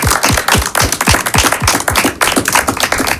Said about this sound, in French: C'est pas souvent qu'on m'applaudit dans mon émission.